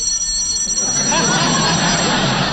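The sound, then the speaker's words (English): A telephone bell rings in one steady, continuous burst, a bright metallic jangle with high sustained tones and a rattling buzz underneath, fairly loud throughout; it is a long-distance call from Kansas City for Jack Benny. “Say, Mr. Benny. Yes? Answer the phone.”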